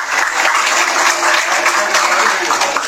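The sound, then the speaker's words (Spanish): Loud, sustained applause from an audience honoring a fifth-year secondary student already admitted to university, a dense crackle of many hands clapping steadily for about three seconds with no voices rising above it. “Fuertes aplausos para Kelly María Llanos Calderón.”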